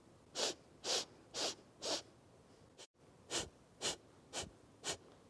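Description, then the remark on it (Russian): A series of short, sharp breaths in a steady rhythm during a breathing exercise: four quick puffs, a brief pause, then four more, clear with no talking. “Если сложно сделать 8 подвдохов, вы можете сделать 4 подвдоха, 8 задержка дыхания, 4 подвыдоха и 8, соответственно, тоже задержка дыхания.”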